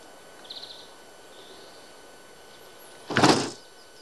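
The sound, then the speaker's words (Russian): A quiet stretch with a few faint bird chirps, then one short, fairly loud rattling clunk as someone tries the locked door of a house and it doesn't open. No one speaks. “Подходит к двери, дверь закрыта.”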